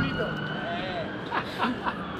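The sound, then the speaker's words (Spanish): A city alert siren, sounding to keep the city on alert, drones steadily, its sustained wailing tone filling the background while faint voices murmur. “La sirena suena para mantener alerta a la ciudad.”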